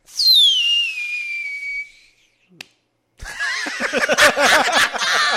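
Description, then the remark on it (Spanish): A firework rocket whistles with a high, steadily falling pitch for about two seconds, followed by a single sharp pop, then a loud burst of overlapping voices and laughter. “Escucharon un cohete gay.”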